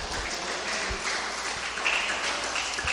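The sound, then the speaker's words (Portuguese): An audience applauds the Lord, a dense, even wash of many hands clapping with no pauses, sustained at a constant level throughout. “Pode dar uma glória bem forte para Jesus? Pode aplaudir o Senhor.”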